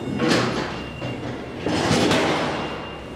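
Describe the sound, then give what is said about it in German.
A heavy metal dock plate is laid down at the loading ramp of old cold-storage halls, with two loud clanging crashes and a grinding metallic rumble ringing on between and after them. “Aber erst mal das Blech anlegen. So, Ohren zuhalten.”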